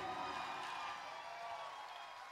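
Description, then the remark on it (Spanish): A Spanish-language worship audience gives a loud round of applause to the King of Kings, Jesus, a dense and steady patter of many hands clapping with faint crowd cheering mixed in, fairly quiet and fading only slightly toward the end. “Ok, dale ese fuerte aplauso al Rey de Reyes.”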